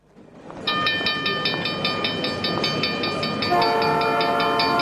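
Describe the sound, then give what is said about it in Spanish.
A regional train roars past with a heavy, steady rumble, joined by a loud sustained horn blast whose chord changes pitch partway through. No voices, just the train throughout. “Atención pasajeros, próxima estación en la vía libre del tren zonal.”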